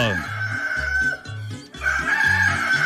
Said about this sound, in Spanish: Tenemos las 5 de la mañana con 3 minutos. Pares y a ver qué me lo coge la tarde. Este culicagao, levántate pues que te cogió la tarde. Ya cantó el gallo.